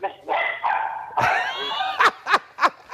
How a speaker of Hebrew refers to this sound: שנייה, אני לא מצליח להשתיק את הכלבים.